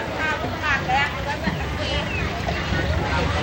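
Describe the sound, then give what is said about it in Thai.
Busy crowd at the Pak Khlong Pho Hak floating market, between Damnoen Saduak and Bang Phae districts, Ratchaburi, with many overlapping voices chattering at once, steady, over a low rumbling background like idling boat engines on water; boats sell produce from orchards there in the morning. “นี่คือตลาดน้ำปากคลองโพหักในเขตเชื่อมต่อระหว่างอำเภอดำเนินสะดวกและบ้านโพหักอำเภอบางแพสถานที่ค้าขายผลิตผลต่างๆจากเรือกสวนและบริเวณใกล้เคียงเรือต่างๆเหล่านี้จะนำของมาขายเฉพาะในช่วงเวลาเช้าเท่านั้น”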